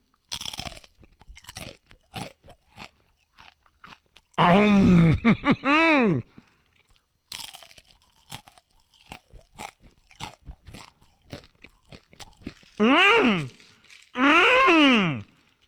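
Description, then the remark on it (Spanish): Crisp, sharp crunches of someone biting into spicy Takis tortilla chips repeat in an irregular rhythm, broken by three loud, drawn-out vocal exclamations with sweeping pitch. “Agarran la bolsa. Me está haciendo agua la boca ya. Y canalizan toda esa energía en cada mordida, así.”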